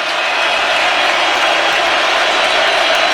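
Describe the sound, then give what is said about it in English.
A dense, steady roar of a large stadium crowd cheering at a football game involving the Seattle Seahawks, loud and continuous for the whole stretch with no single voice standing out and no pauses. “Crowd getting into it.”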